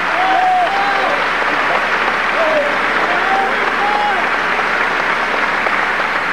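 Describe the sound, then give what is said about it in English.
A large audience at Saviors Day 1997 applauds steadily as Minister Ismael Muhammad is received back to the podium, a dense, loud wash of clapping that holds even for several seconds, with a few faint shouts and whistles rising above it. “Let us receive him back to the podium with a round of applause.”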